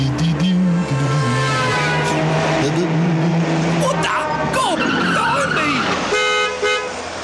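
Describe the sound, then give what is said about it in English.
A car brakes hard, its tires letting out a sharp, wavering squeal mid-clip, framed by loud, sustained car horn blasts before and after. “It's lucky you got good brakes, you little chip.”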